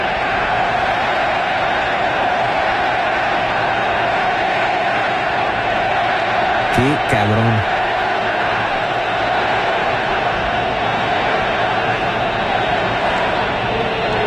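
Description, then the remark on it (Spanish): A huge crowd in the Monterrey stadium roars and chants "no era penal" (it wasn't a penalty) at the Netherlands team in a steady, dense wall of voices for the whole stretch, with one man briefly speaking over it midway. “Todo el estadio de Monterrey gritando no era penal a la selección de Holanda o a la selección de Países Bajos, como quieran llamarle.”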